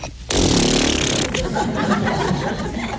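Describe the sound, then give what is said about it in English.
A person makes a loud, drawn-out spraying sound with their mouth, mimicking an elephant blowing water from its trunk. A sharp hissing burst trails into a rougher, sputtering spray. “And he got some water and he went...”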